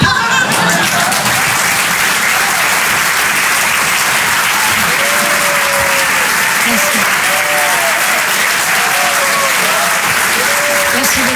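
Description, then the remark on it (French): Loud, sustained applause from an audience at the Rire et Chanson Comedy Club for the comedian La Bajon, a dense steady wash of clapping lasting the whole stretch, with faint cheers and voices rising through it. “On peut l'applaudir très très fort, elle aussi, la Bajon sur les chansons.”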